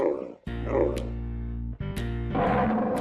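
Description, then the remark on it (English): A camel gives deep, guttural grunting bellows, two long rumbling calls with a short break between them, loud. “Camel.”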